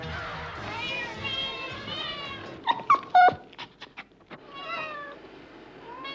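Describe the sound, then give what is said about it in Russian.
Shnurok, a cat from clown Yuri Kuklachev's circus act, meows repeatedly, its drawn-out cries rising in a cluster of louder, sharper yowls midway, with voices murmuring in the background. “Вот это кот Шнурок.”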